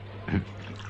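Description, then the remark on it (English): A single quick squirt of pest killer spurts from a bottle and splashes onto a desk, aimed at an ant, brief, over a faint steady hum. “That's not a water bottle, sir. That's full of pest killer, you see.”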